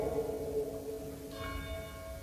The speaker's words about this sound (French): Ah, on a les cloches, mais je vais réussir à parler pendant. J'ai fait des grands progrès.